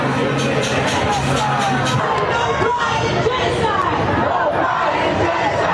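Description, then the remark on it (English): A loud crowd of college students at a protest yells and screams about genocide at once, overlapping voices forming a constant, chaotic roar with shouted bursts rising out of the din throughout. “College kids yelling and screaming about genocide.”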